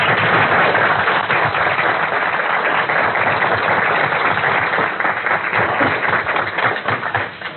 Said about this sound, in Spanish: para quien también pido un grato aplauso.